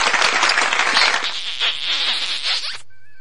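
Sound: audience applause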